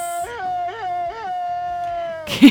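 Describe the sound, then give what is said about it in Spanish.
A single long, high-pitched scream from a Tintán film holds a steady tone, wavering three times early on, then cuts off into a brief, loud, noisy burst at the end. No one speaks. “Es de una película de Tintán.”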